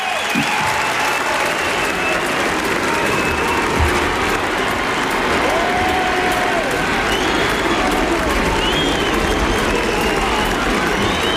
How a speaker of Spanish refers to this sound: Es cierto, yo creo que se escuchan también esos silbidos, se escuchan también tímidamente, entre la multitud que está aclamando a León XIV en ese balcón en Montserrat, con esa bendición que ha lanzado.